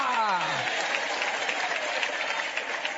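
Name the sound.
audience applauding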